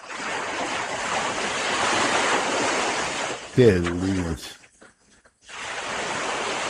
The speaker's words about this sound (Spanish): ¿Escuchamos el ruido del agua? Y ahí va, sí.